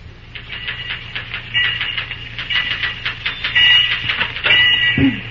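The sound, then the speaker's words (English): Rapid, uneven typewriter keystrokes clatter steadily over a low constant hum in a superintendent's office, growing busier midway, with a heavier thunk near the end like a carriage return. “As our scene opens, we find Cary Graham busy at the typewriter in the superintendent's office.”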